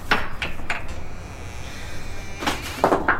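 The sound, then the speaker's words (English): A wooden coal shed door is opened: a few sharp knocks and rattles of the latch, a quiet pause, then a louder burst of creaking, scraping clatter as it swings. “Now open that coal shed door.”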